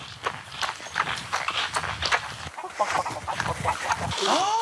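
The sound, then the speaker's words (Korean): A chicken clucks briefly near the end, after a stretch of busy shuffling footsteps and rustling outdoors at a corn field, with soft voices in the background. “닭. 닭 있어요? 네. 왜 뭐야? 닭이야?”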